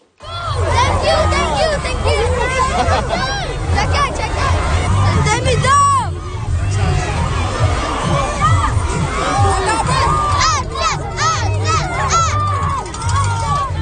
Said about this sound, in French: Ça ressemblait un petit peu à une cour d'école parce que c'est l'accueil que recevaient les joueurs du Canadien à leur arrivée